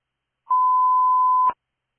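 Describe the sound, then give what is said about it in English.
A radio dispatch alert tone: one steady, loud electronic beep held for about a second, then cut off abruptly with a short click. Silence on either side, no voices. “Rescue 14. Disregard tones, remain in quarters.”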